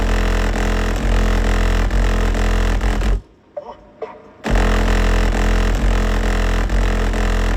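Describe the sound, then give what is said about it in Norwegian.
Loud, booming bass-heavy non-blues music blasts from a car sound system as the car drives in Notodden, shaking the car's decorations and soda cans, cutting out abruptly for about a second in the middle before pounding back in at full volume. “Om ikke det kiler, rister det i hvert fall godt i Wonderbammen, pynten i bilen og brusboksene.”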